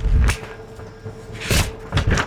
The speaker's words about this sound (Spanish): así que sigamos leyendo por acá, que hasta quiero que escuchen en las hojas.